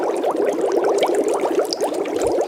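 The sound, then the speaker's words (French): Steady, dense bubbling of water in a boiling kettle, a rapid stream of small gurgling pops at an even level throughout, with no voices. “Alors oui, ce sont des bulles.”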